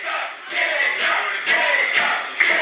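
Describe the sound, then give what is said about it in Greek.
A stadium crowd of home fans chants the name of the player Keita in a steady rhythm during stoppage time at the end of the first half of a football match, a dense wall of massed voices with regular surges and a few sharp shouts near the end. “Ο Κέιτα φωνάζει ρυθμικά το όνομά του. Οι φίλοι των γηπεδούχων, ενώ μπαίνουμε στο δεύτερο και τελευταίο λεπτό των καθυστερήσεων του πρώτου ημιχρόνου.”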